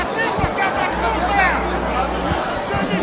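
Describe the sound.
A large crowd of Brasil football supporters roars and chants together at half-time, a dense, continuous wash of many voices held at a steady, loud level, with a low hum running underneath for part of it.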